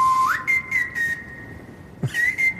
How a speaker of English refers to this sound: Snare drum, hi-hat. And then someone's whistling on the top, yeah.